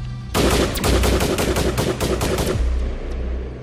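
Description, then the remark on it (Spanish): A loud burst of rapid gunfire, a quick string of shots for about two seconds, then it cuts off abruptly, leaving a low background rumble. “Enseguida la voz de allá adentro dijo: amárrenlo y denle algo de beber hasta que se emborrache para que no le duelan los tiros.”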